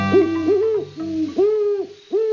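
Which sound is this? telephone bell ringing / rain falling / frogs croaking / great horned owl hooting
great horned owl hooting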